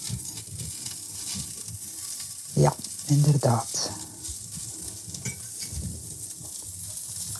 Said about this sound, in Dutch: Dus ik draai nu de amandelkrokantjes, want ik voel en ik ruik dat ze bakken.